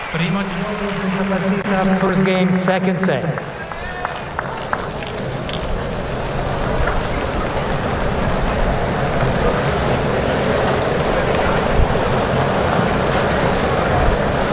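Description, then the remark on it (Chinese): Steady rain patters onto the ground during a tennis match involving Khachanov, a dense, continuous hiss that holds at a fairly loud level throughout, with a brief voice audible over it in the first few seconds. “我们现在能够听到这个雨滴掉落在地上的声音”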